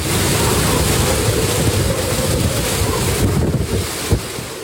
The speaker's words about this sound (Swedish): Stormen slår mot kusten på den japanska ön Okinawa med 12 meter höga vågor. Vinden piskar och nästan välter träden i videon från nyhetsbyrån Reuters.